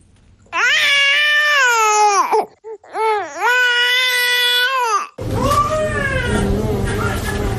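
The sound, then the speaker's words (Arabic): A baby cries loudly in long, sustained wails from hunger, wanting to be breastfed. There are two drawn-out cries with a brief gasp between them, then the crying continues over a rougher, noisier background. “هذا الصوت يؤكد للأم رغبة الطفل وحوجته إلى الرضاعة”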